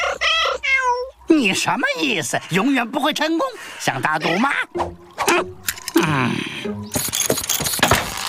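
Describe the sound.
A cat meows several times in drawn-out, wavering, loud cries, with a man's voice speaking around and between the meows.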